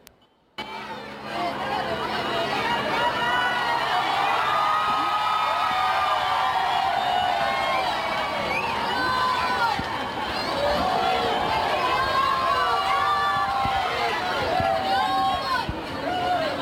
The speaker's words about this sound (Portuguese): Há sempre muitos gritos de Viva o Papa e também muitas palmas, e este é sempre também um momento de muita confusão.